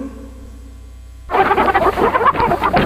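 After a brief quiet hum, a loud, dense chorus of chickens clucking suddenly bursts in, many birds chattering and squawking at once, continuous until the end.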